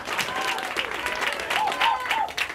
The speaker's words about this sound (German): Vielen Dank fürs Zuhören. Einen fetten Applaus für den nächsten Act,